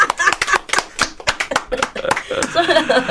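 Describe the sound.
A quick burst of sharp hand claps, about a dozen or more in an uneven rapid rhythm, loud and crisp, tapering as voices and light laughter rise at the end.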